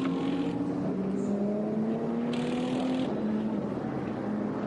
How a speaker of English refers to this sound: Igor Sorokin brings the HRT Performance Porsche into the pits for a full service.